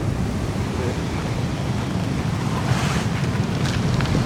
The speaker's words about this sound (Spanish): Saltó mucho la ola.